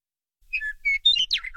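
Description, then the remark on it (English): A western meadowlark sings a quick, bubbling phrase of clear, flute-like whistles and warbles that tumble and slide in pitch, bright and fairly loud, with no one talking. “You'll probably hear one before you see it, though seeing the western meadowlark isn't necessarily hard to do, as they reside in much of Colorado year-round, and they like finding tall, open perches to call from.”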